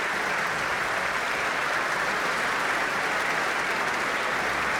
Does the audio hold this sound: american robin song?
no